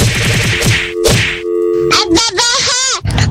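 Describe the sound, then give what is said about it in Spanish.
A cartoonish 'cocazo' whack sound effect, sent as a listener request: a quick run of sharp smacks, then one loud thwack, followed by wobbling, sliding whistle-like tones and a final burst of noise. “Órale, cocazo.”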